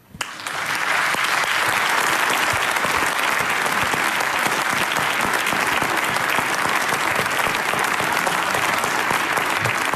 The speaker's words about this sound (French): Mesdames et messieurs, je vous demande d'accueillir et d'applaudir très fort